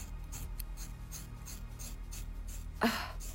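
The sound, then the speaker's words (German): Raspy crunching of scissors cutting through a person's very thick, long hair, a steady series of short gritty snips ending in one louder, sharper cut. No voices are heard. “sehr dickes Haar. Ich komme mit der Schere.”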